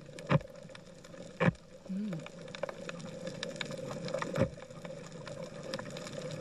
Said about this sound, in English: Well, I think it might be wrong, but it sounds a lot like a parrotfish munching on coral. Yes, you've got it. You've got it. It's actually a leather jacket munching on algae, but we will absolutely pay that one.